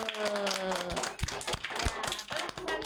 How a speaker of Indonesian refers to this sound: Tepuk tangan dulu.